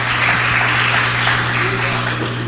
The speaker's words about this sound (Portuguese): E vocês vão louvar Jesus com aquelas palmas bem avivada para Jesus.